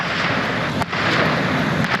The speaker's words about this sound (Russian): Это российский ударный дрон «Гербера».